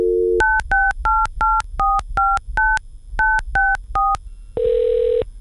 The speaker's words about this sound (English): In thinking about who I wanted to talk to about this, I decided to pick up the phone and make a call.